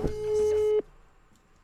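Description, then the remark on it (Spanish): A WhatsApp call ringing tone for an international call sounds as one steady electronic beep, held for just under a second before cutting off abruptly, fairly loud against a busy background that then falls quiet. “Ahí está, ver, por señoras, WhatsApp. Señores, WhatsApp.”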